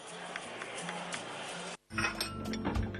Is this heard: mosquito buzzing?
no